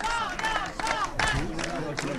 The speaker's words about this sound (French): La fête bat son plein sous les acclamations des militants.